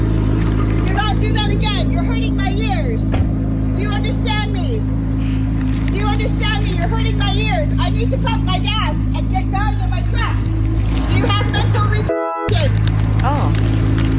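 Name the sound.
car engine starting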